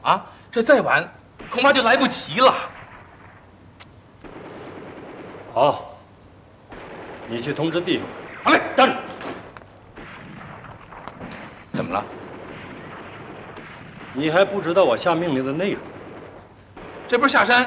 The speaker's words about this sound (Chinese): 这山下传来的枪声越来越激烈。